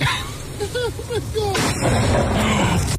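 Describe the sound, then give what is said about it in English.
Voices in the first half, then a sudden loud crack of thunder from a lightning strike during a thunderstorm, hitting near a man standing under a tree with an umbrella, that rolls into a heavy, sustained rumble lasting to the end. “He has an umbrella, by the way, in the thunderstorm under a tree.”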